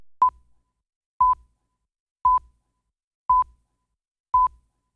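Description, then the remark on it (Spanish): A phone notification alert for an incoming message beeps five times in a steady rhythm, each short, clear mid-pitched tone spaced about a second apart, with silence in between and no talking. “Espérate, que Brit me está hablando ahí en el teléfono y se escucha.”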